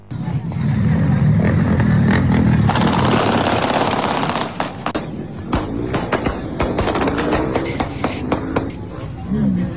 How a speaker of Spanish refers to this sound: ¿puedes poner al audio eso que vos decías que era el caño escape de una moto?